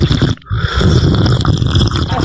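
Loud, wet slurping of a hot drink: a brief noisy sip, a short pause, then a long sustained slurp that stays rough and airy to the end, with no talk over it.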